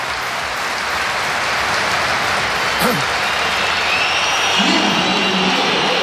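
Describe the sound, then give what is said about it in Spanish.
A huge crowd at the Bernabéu stadium roars steadily, with a shrill wash of massed whistling rising above the din in disapproval of Kylian Mbappé, continuous and loud with no single voice standing out. “La comparecencia de Mbappé fue por sorpresa después de esta pitada del Bernabéu.”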